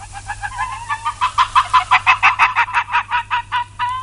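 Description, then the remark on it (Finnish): A rapid series of short, high, yapping calls from an arctic fox, rising in loudness and quickening to a steady rhythm before ending on a longer, drawn-out yelp. No one speaks. “Kuunnellaan viikon luontoääni. Sen esittelee Juha Laaksonen ja viikon luontoääni on tällä viikolla naali.”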